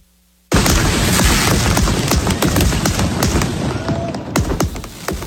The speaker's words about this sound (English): Take a look at those fireworks that were set off at Bree Stevens Field last night in Madison. It was one of thousands of fireworks shows celebrating America's 250th birthday.